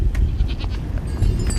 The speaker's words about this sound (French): Donc là, on va aller voir le berger qu'on voit au loin avec un grand bâton de bois. Et puis plein de chèvres là, de toute taille. Elles sont toutes un peu marron. Et puis il est accompagné aussi d'un chien.